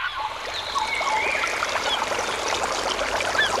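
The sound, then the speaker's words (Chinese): A steady babbling stream gurgles and splashes continuously, with a few faint bird calls chirping in the background. “溪流，森林，草原，大海。”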